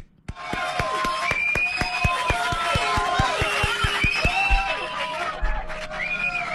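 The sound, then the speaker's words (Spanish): An audience cheers and applauds to welcome neurologist Dr. Pilar Massetti, with excited shouts and high-pitched voices over a steady, rhythmic beat, the lively noise at a fairly loud, sustained level. “Recibamos a la doctora Pilar Massetti con un gran aplauso.”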